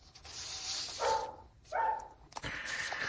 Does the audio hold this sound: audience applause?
no